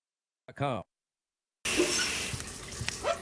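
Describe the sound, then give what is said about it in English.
A short hummed vocal sound, then a steady hiss of water spraying from a shower that keeps running to the end, with small splashes and shifts in the flow. “Water spots on the shower door again? She sprayed.”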